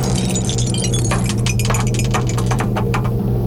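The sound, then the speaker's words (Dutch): A die rattles inside a cup at Radio NL and lands on a five, a quick series of sharp clicks and clacks over a steady low hum, irregular taps scattered across a few seconds. “Want daar staat de beker met een dobbelsteen erin.”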